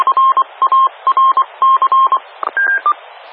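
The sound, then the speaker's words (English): Radio paging relay tones: a rapid string of about a dozen short electronic beeps in quick bursts, loud and clear with a slight over-the-air quality, and no voices. “Okay, thank you for the paging relay.”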